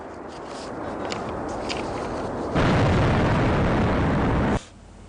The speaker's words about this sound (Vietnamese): Cùng lúc, truyền thông khu vực xác nhận nhiều tiếng nổ lớn được nghe thấy gần căn cứ Mỹ ở Aqaba. Tuy nhiên, chưa rõ các vụ nổ do tên lửa của Iran hay là do hoạt động đánh chặn của phòng không Jordan gây ra.